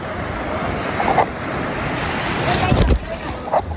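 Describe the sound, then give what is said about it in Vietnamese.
Steady, loud wash of ocean surf fills the scene at Sầm Sơn beach on a summer day, busy with locals and tourists, with a few brief swells breaking through and faint indistinct crowd murmur mixed into the roar of the beach. “Những ngày hè, bãi biển Sầm Sơn luôn nhộn nhịp người dân và du khách.”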